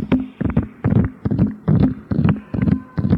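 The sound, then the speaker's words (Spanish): Horses' hooves galloping in a steady, driving rhythm, with clusters of heavy thuds repeating about every half second, fairly loud, with no voices. “Cuando de repente escuchó el ruido de caballos.”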